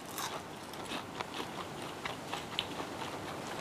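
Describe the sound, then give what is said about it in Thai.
Crunching as someone bites into and chews a crispy fried corn fritter made with flour and limewater and fragrant with kaffir lime leaves, with repeated sharp crackly bites in a steady chewing rhythm and no talking. “กรอบกรุบแล้วก็ได้รสสัมผัสที่ไม่เหมือนกันระหว่างแป้งกับน้ำปูนใสที่ใส่ลงไปกับตัวข้าวโพดอะค่ะก็จะได้รสชาติแตกต่างกัน”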